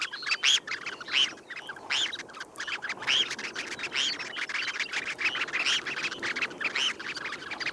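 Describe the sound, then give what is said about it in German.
A flock of red phalaropes calling, with many short, sharp, high chirps tumbling over one another in a steady, busy chatter that fills the whole stretch with no voices. “Mein Vogel der Woche, das sehr zarte, sehr unmännliche Thorshühnchen.”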